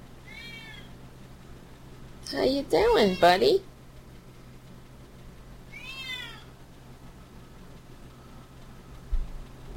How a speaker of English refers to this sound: There's Francis and Tara Jr. What do you want, man? I'm standing up. Francis. See, our emotional support cats.